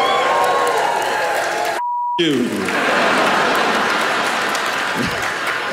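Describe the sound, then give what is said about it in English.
A large audience cheers and applauds loudly and steadily for several seconds at the mention of Colin Jost being married to Scarlett Johansson, the crowd noise briefly cut by a short, high electronic bleep before resuming. “Yeah, you cheer, but I don't think you realize how that makes me feel.”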